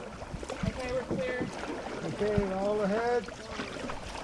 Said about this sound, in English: Price's crew climbs in, and after Price takes his seat, they adjust the boat's position and start paddling toward a nearby beach